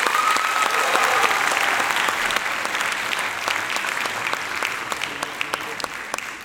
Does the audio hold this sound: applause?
yes